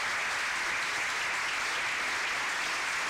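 Steady recorded applause from a crowd, a dense continuous patter of many hands clapping at even loudness for a few seconds, with no voices over it.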